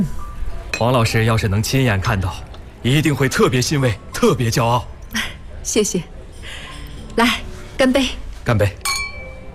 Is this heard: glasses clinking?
yes